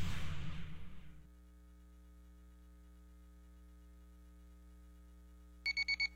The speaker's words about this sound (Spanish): Ay, no me quiero levantar. Ay, cómo odio los lunes. Pero qué buena alarma tengo.